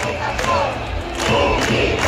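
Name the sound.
street protest crowd chanting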